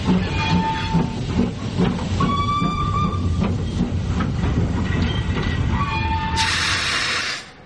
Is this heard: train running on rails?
yes